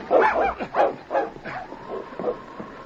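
A dog barks in a rapid series of about six sharp barks, the later ones softer and more whiny, with no talking over them.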